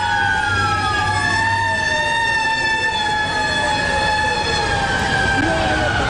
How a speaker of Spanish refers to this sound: Y este era el sonido que se vivía en esos momentos en las calles de Nueva York. ¿Cómo vivieron los propios neoyorquinos aquellas horas? Pues claro, esas sirenas acompañaron durante toda la jornada. Fueron un poco la banda sonora de aquel día.